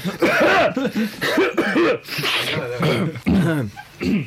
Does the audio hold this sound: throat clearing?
yes